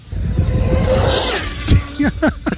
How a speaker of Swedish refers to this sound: Men jag vet inte hur kul man har alltså med en radiostyrd bil som går 500 km i timmen. Att du ser den så här liksom, vet, en halv sekund, ett streck ungefär.